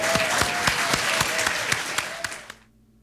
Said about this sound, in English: And really thank you to Bob for putting this all together. I think Bob deserves 6 rounds of applause here.